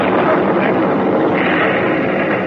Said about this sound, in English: They're still coming. Those planes are going to start bomb runs.